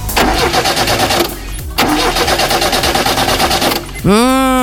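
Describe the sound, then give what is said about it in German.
A car engine cranks in two loud, rapid, rhythmic grinding bursts with a short pause between, never catching; a voice cuts in at the end. “Wir wollen ja immer schnell zur Arbeit und das Auto springt dann einfach nicht an.”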